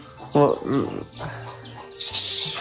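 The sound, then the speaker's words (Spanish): A mother hen with a chick clucks in a few short, throaty bursts, with softer calls trailing after, then a sudden burst of rustling noise toward the end. “Mi mamá compró gallina con pollito y entraron un pollito en mi pieza.”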